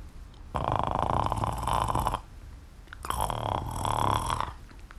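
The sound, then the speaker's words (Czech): A voice demonstrates the start of a dog's bark, taking a deep breath and gurgling it inside the chest like a gurgling snore, in two long, rattling bursts, each about one and a half seconds, with a short pause between. The throaty sound is fairly loud, and no one speaks. “Až tuhle někde, co ti tluče srdíčko, zhluboka nabereš dech a začneš s ním tam uvnitř trochu jakoby klokotat.”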